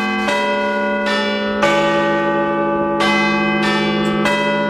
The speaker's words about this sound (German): Das sind die Glocken des Big Ben und die könnt ihr live erleben.